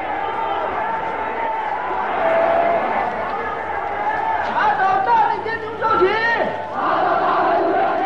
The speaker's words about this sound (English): Thousands of them are arrested, beaten, tortured, and humiliated in stadiums that shake with the roars of the vengeful crowd.